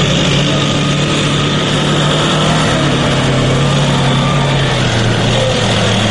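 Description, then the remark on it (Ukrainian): Military vehicles rumble along a road in Druzhkivka, Ukraine, an area targeted by FPV drones: a loud, steady engine roar with a deep droning hum whose pitch dips slightly as they pass. No voices are heard. “Та вже за декілька хвилин цією дорогою проїжджає техніка, яка потенційно могла стати її ціллю.”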